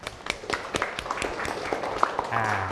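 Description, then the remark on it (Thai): A class of students clapping together for a classmate in a classroom, a burst of scattered, overlapping claps lasting a few seconds at moderate loudness, with faint murmuring voices underneath. “โอเคปรบมือเพื่อนหน่อยครับ”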